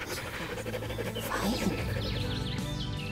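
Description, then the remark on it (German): A dog pants steadily, quick rhythmic breaths continuing throughout, with a faint low hum in the background. “Ich hatte nicht gedacht, dass es so schnell geht, aber dieser Hund ist wirklich einzigartig.”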